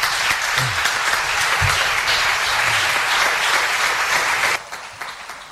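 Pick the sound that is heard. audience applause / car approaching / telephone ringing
audience applause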